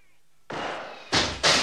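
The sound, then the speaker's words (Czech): Gunshots through a window: after a moment of quiet, a loud crashing blast rings out, followed by two more sharp, harsh bangs in quick succession, with no talking. “Někdo po mně střílí oknem.”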